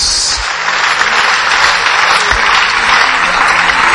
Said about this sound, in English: You are not clapping for Jesus.